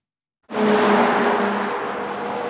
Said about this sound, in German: Ein Auto nach dem anderen rauscht an ihnen vorbei. Erlaubt ist hier Tempo 100. Eigentlich ist es morgens noch viel schlimmer, weil die Leute alle ganz schnell in die Arbeit wollen.